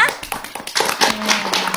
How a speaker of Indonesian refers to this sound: Tepuk tangannya mana?